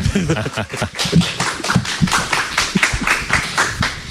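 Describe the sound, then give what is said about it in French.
A crowd claps steadily for several seconds, a dense, crackling patter of many hands at moderate volume, with someone talking over the applause. “Et on peut les applaudir bien fort, bien sûr, bien entendu.”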